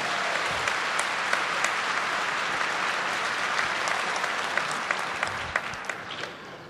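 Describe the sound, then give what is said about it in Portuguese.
An audience claps together in steady, dense applause given to God, holding at a constant loud level for several seconds, with sharp individual claps standing out toward the end and no voices. “Vamos dar uma salva de palmas a nosso Senhor.”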